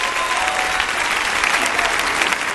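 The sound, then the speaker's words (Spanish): A dense, steady wash of audience applause, many hands clapping at once in a loud, crackling roar that holds evenly throughout with no talk over it. “¡Le aplauso a él!”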